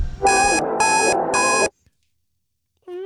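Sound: old-school alarm clock ringing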